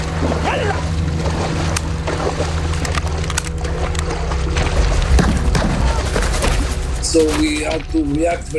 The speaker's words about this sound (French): Ils nous tiraient dessus, ils tiraient sur les bateaux.